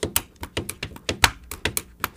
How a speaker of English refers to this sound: I was playing the pen on the paper.